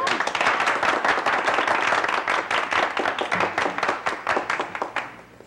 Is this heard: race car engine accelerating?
no